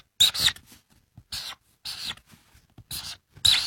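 Pen or marker scratching across paper in five short, bright bursts as three birds are drawn the way a child would draw them, each a quick scribbled stroke with gaps of quiet between, fairly crisp and moderately loud.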